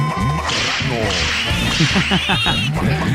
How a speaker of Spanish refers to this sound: bueno, a mi chiquistriquis Alexander, a sus latigazos, que le mandemos, como no, con mucho gusto que se los mandamos. ¡Y dobles!